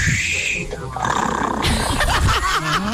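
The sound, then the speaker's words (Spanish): A person vocally imitates a snoring, rattling oscillating fan, making a loud, gritty, rasping drone that rises and wavers as if sweeping back and forth, sustained for about three seconds. “El ventilador que ronca va volteando y va soplando, ¿cierto? Y cuando se va devolviendo va a hacer.”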